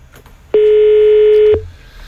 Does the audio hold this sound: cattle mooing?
no